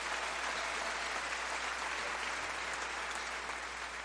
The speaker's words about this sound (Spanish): Un aplauso al amor y al matrimonio. Venga, de eso se trata.